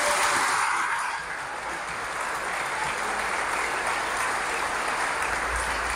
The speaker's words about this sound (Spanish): Un aplauso a las redes donde nos siguen.